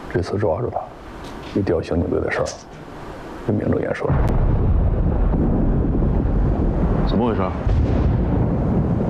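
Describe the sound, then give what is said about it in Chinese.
People talk briefly, then a mining blast erupts into a deep, loud rumble that rolls on steadily for several seconds, filling the space with low, grinding thunder. “没事没事，我们这儿啊需要报复开采，有点响动很正常。”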